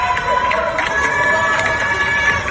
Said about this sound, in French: Comme tous les soirs à 20h, les Français applaudissent à leur fenêtre pour soutenir le personnel soignant. En pleine pandémie, les Français découvrent le visage de leurs voisins d'en face par fenêtre interposée.